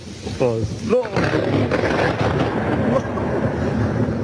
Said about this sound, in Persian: و اینجا هم صدای هیبتناک صاعقه در ولایت هرات.